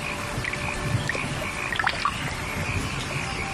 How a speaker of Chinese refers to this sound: 夏天，增城正午镇，听，雨滴溅起早稻的清香。